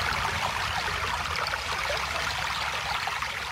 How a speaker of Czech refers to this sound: Slyšíš, Potůčková víla? Už zase bublá tvůj potok. Je nás všech a všichni ho budeme chránit.